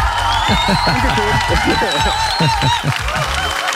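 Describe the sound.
Steady applause with a crowd cheering, given to a caller on the radio station 95.5 Charivari: dense continuous clapping and overlapping voices at a fairly loud, even level throughout.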